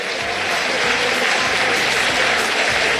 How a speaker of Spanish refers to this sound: La contundencia llegó a la Bombonera. Se retira Boca, se retira Central Córdoba. Los aplausos en la bombonera para el Xeneize.